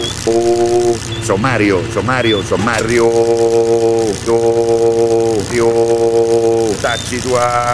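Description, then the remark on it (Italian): A car engine is started and idles with a steady, droning hum that runs the whole time, while a man's loud, animated voice talks over it in bursts. “Tu accendi e spostati.”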